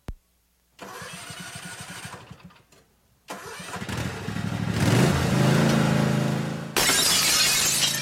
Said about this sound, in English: Oh no, it happened again. But don't worry, Richie's Discount Auto Glass has got you covered. Open Monday through Friday from 8 to 5, Richie's can fix your broken automotive side glass from those pesky lawnmowers, even rock chips.